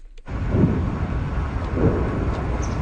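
Distant explosions rumble low and heavy just south of Moscow, Russia, following one of Ukraine's largest drone attacks, with two deep booming swells rising out of a steady, continuous roar. No voices are heard.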